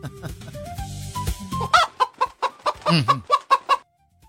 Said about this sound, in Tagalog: Tubag ning manok ay.